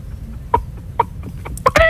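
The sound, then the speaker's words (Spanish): A person imitates a hen clucking: a string of short, throaty clucks that come faster toward the end, finishing with a louder, drawn-out squawk. “Claro, el otro es la gallina.”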